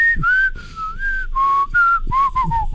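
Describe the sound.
A person whistles a bright, bouncy melody, gliding between sustained notes in a relaxed rhythm, with soft low thumps underneath and no talking.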